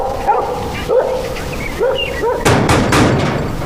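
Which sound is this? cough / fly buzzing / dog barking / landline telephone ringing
dog barking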